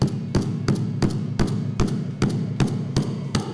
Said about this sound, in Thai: แล้วก็สิ่งสำคัญจับค้อนนะครับแต่ต้องจับให้มั่นในลักษณะแบบนี้นะครับแล้วก็ตอกไปครั้งแรกก่อนนะครับเพื่อทำให้เขาตรงก่อนนะครับเมื่อตรงเสร็จแล้วปุ๊บมือจับไว้ที่ไม้นะครับแล้วก็ตอกเต็มแรงได้เลยครับ